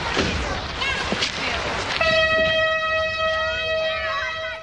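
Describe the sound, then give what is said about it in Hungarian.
A nostalgia train passes by with a rumbling, clattering noise, then lets out a loud, steady whistle blast that holds for several seconds. “Ilyen már ilyen osztágia vonatot fog elhúzni?”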